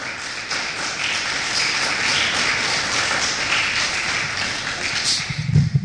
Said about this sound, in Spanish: Un aplauso, por favor, a nuestro Señor.